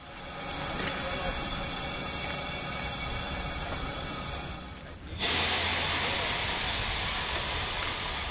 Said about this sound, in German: Unser Zug wird zur Weiterreise umrangiert. Unsere MA 403 sehen wir erst ab Gällivare wieder. Als Zuglok bekommen wir ab hier eine Diesellok, eine Nohab TMZ 109.